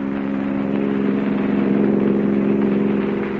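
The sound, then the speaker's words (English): A car engine hums steadily at a moderate pitch, a sustained, even drone with strong low harmonics, as the car drives up a mountain road. No voices. “an object which would stay hidden and unnoticed till the car reached the most dangerous portion of the mountain road, and then do its work, still hidden, still unnoticed.”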